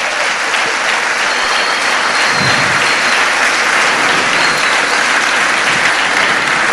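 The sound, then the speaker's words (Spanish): A crowd breaks into loud, sustained applause for the Lord Jesus Christ, a dense wash of clapping that holds steady for several seconds without letting up, with no one speaking over it. “Quiere decir entonces, bueno, dar un fuerte aplauso al Señor Jesucristo.”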